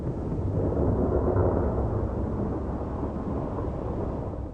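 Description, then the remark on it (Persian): A long, deep rumble of thunder rolls on steadily through a storm, loud and low, with a dense wash of noise that swells early and slowly fades. No voices. “طوفان‌های بارانی با بادهای شدید و ابرهای تاریک همراه می باشند.”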